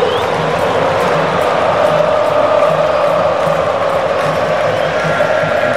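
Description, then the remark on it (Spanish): A huge stadium crowd of Brazil football fans roars steadily and loudly throughout, a dense wall of supporters clapping in the Viking clap and chanting together with a faint pulsing rhythm underneath. “empiezan a aplaudir, así como el saludo vikingo, los cánticos de la gente de la Canariña.”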